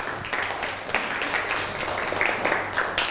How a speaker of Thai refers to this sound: นั่งลงได้ปรบมือให้กับเพื่อนหน่อยครับ